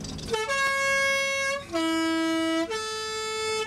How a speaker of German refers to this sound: Jawohl. Und die Bergpost hat das Postautohorn.